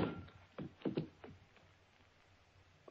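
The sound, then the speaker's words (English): A short cluster of dull, muffled thuds from a blow to a person's head, struck by someone who sneaked up behind them: three or four soft impacts about a second apart over a low, quiet background, with no voices. “I hang up the phone and start to turn around just in time for whoever sneaked in behind me to lower the 6 o'clock boom. I feel the thud.”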